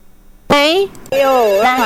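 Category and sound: signal or alarm, telephone ringing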